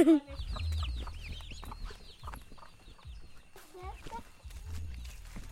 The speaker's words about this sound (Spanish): Hay una gallina y unos pollitos y unos pavitos. ¿Y qué más? Y están comiendo.